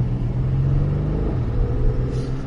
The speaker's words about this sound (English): twin turbo burbling away. Got the windows down as we're driving this 2025 Porsche Cayenne GTS. And what a piece of equipment it is. The sports exhaust popping and cackling underneath this is somewhat addictive, to be honest.